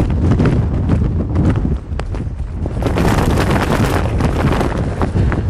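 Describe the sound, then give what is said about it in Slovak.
Near-gale-force wind roars into the microphone while a jacket hood flaps and rattles in rapid, irregular bursts, loud throughout, with no one speaking, on a mountain hiking descent below Krúpovo sedlo. “Toto robí vietor s mojou kapucňou.”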